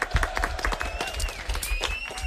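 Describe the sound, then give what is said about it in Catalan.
An audience applauds steadily, a dense patter of many hands clapping at once, fairly loud, with a faint murmur of voices and a thin whistle-like tone threading through. “Fort aplaudiment, molt bé.”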